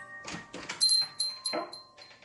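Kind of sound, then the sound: household object, door opening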